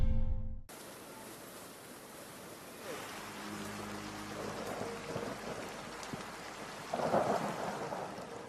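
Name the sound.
rain falling with thunder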